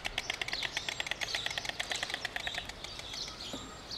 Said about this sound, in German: Das Klappern der Störche heißt in diesem Fall, hier sind wir, geh weg.